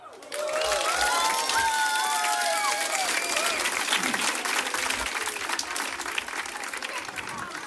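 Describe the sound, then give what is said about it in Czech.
Loud, sustained applause from a large audience at a live concert in Lipno fills the space, dense clapping with a few cheers and whistles rising over it near the start, continuing steadily to the end. “Prosím vás, moje milé Lipno a moji milí posluchači, za to, jak jste vzorní, jak krásně zpíváte, tleskáte”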